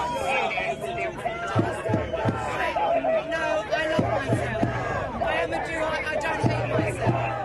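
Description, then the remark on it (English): A dense crowd of street protesters chants and shouts together while police disperse the demonstration and it blocks road traffic, with rhythmic bursts of three heavy beats recurring through a steady roar of many voices, loud throughout. “While outside, police dispersed protesters and arrested several people. The demonstration moved a few minutes down the road, blocking traffic.”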